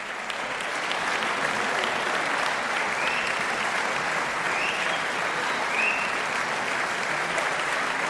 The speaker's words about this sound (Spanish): Y seguían sonando esos aplausos que en realidad no eran otra cosa que el preludio de un pequeño regalo de los músicos al público.